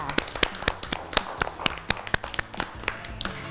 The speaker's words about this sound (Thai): เด็กๆนะคะเล่นเกมเรียงลำดับเล็กใหญ่ได้ถูกต้องทั้งหมดเลยค่ะเก่งมากค่ะปรบมือให้ตัวเองด้วยค่ะ